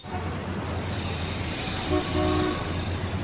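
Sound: car horns honking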